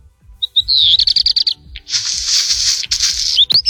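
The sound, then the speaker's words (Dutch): A songbird with red feathers on its underside sings: a quick run of high, rattling notes, then a dense stretch of harsh, crackling, scratchy buzzing, ending with a couple of thin rising whistles. “Dat is zo'n knisperend geluid dat hij maakt.”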